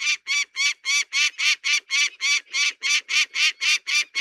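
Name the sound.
peregrine falcon calling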